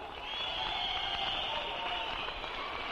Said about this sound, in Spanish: Fuerte ese aplauso para mi Rey de la Gloria.